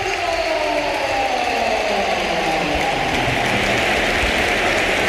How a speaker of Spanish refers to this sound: Y vamos a escuchar una gran ovación, ¿eh? Sí, porque se va a producir el último cambio. Las filas del Real Madrid solo ha hecho 3 Mourinho, pero agota las ventanas. Se marcha Bellingham, el Bernabéu de pie.